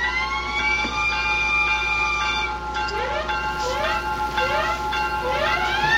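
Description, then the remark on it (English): A loud general alarm siren sounded for a tornado warning on WXNZ Skowhegan blares on its own, holding a steady buzzing tone before breaking into a rapid series of rising whoops repeated about every half second. “Sound the general alarm!”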